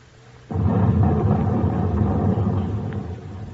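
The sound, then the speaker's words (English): An underwater depth charge explosion, the first 'ash can' of an attack, heard from a submarine at 80 feet with engines off. It erupts abruptly out of a low hum, a single heavy boom that swells into a deep, roaring rumble and slowly fades over a few seconds. No voices. “There's the first ash can, Skipper.”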